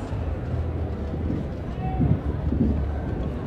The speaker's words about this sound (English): Well, I just heard some thunder there.